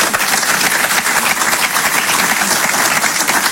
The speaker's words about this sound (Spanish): fuerte el aplauso para mi amigo Kiko